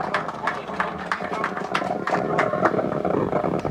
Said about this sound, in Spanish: Fuertes aplausos, por favor, para acompañar este momento tan especial para la familia.